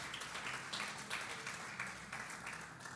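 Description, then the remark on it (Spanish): A crowd claps together for God in a dense, steady wash of applause, with a few louder surges, and no voices standing out above it. “Le puedo dar un aplauso a Dios por esta palabra que hoy vamos a escuchar.”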